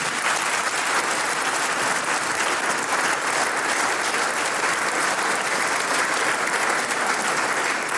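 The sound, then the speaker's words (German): A steady round of audience applause for 70 years of clarinet playing, many hands clapping densely and loudly without pause for the full eight seconds, with no voices heard over it. “Du kriegst einmal einen Applaus für 70 Jahre Klarinetten.”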